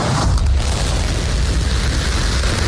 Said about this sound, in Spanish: Y escuchamos el despegue de la nave Starship de SpaceX, la cual ha amerizado con éxito. Lo ha hecho en el Océano Índico después de su 13º vuelo de prueba.